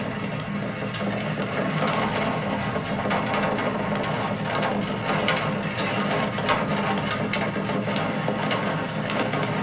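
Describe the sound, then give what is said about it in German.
A steady, dense mechanical rattling and clattering of a rickety vehicle driving around over the cobblestone pavement of the Bassinplatz square, continuous and fairly loud throughout with frequent sharp knocks and no talking. “Klare Zeichen, wir sind schon etwas klapprig, zumindest auf diesem Pflaster.”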